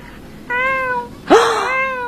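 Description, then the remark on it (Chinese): A person imitates a soft little kitten with two soft, high-pitched, drawn-out meows in close succession. The second call starts with a quick rising squeak and is slightly louder. “没有，就是我自己，我很喜欢猫咪，然后我现在慢慢可以学着猫咪那种软绵绵的声音叫出来。”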